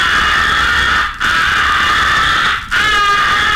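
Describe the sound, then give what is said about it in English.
Three long, loud, raspy caws blown on a crow call, each separated by a short break, with a harsh buzzing mid-high tone and no talking. “Make the sound of your call teasing and hard to locate by placing both hands like a megaphone around the call and using one hand in a fanning action over the end of the barrel.”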